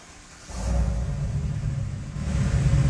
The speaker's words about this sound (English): But this truck is so impressive looking. I was thinking maybe could you guys just start it? Give it a start. I just want to hear what this sounds like on the radio.